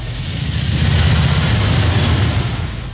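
Several heavy Harley-Davidson motorcycle engines rumble steadily, a deep throbbing idle with slight revving, loud and continuous with no talking.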